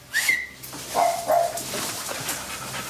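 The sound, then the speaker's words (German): A short rising whistle, then Bagel the dog comes rushing in, giving a couple of high, thin whimpers over faint scrabbling movement, the whines brief and wavering. “Bagel kommt hereingeflitzt.”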